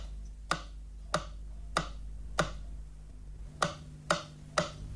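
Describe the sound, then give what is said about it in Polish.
Left-channel stereo test signal from Polish Radio's First Programme, Warsaw, for checking channel direction on stereo receivers: seven sharp, bright clicks, the first four evenly paced, then a brief pause before three quicker ones, over a faint low hum with no talking. “Dla sprawdzenia zgodności kierunków podane zostaną sygnały testowe kolejno na lewy i prawy kanał.”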